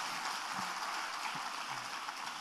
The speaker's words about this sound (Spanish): Dale un aplauso al Señor antes de sentarte.